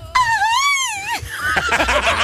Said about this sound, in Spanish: Y como sabemos que el grito no es suficiente,